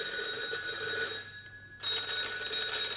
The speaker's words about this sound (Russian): Телефон звонил как припадочный.